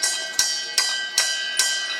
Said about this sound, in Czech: Procházíme kolem těch kotlů a tady je zvonec, ale pro boha na co? Ten je tady proto, abyste slyšela tenhle zvuk.